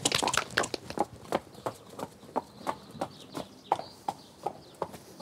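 Horse hooves trot in a steady, even clip-clop rhythm, each sharp knock ringing out clearly, with a faint bird chirp now and then in the background, as a horse trots off after a flexion test of all four legs during a purchase examination.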